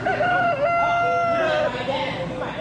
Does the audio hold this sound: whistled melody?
no